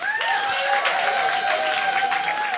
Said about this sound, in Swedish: En stor applåd för förra årets vinnare.